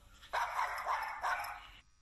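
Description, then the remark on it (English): A puppy character called Puppy in a children's English lesson barks as it introduces itself, a quick run of three high, yappy barks blending together over about a second and a half, with nothing else in the background. “I'm Puppy.”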